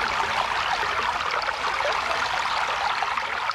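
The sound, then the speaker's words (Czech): A brook bubbles and babbles steadily, its water running in a continuous, lively rush with small splashing trickles throughout and no voices. “Slyšíš, Potůčková víla? Už zase bublá tvůj potok.”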